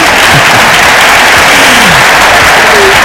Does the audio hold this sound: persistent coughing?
no